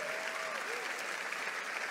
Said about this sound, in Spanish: Vamos, si le vas a aplaudir, hazlo fuerte.